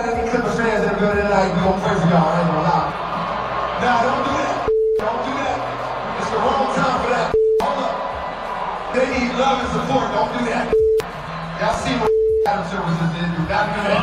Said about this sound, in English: So unfortunately, their rough week continues, getting booed in their own arena.